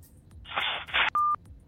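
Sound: phone line tone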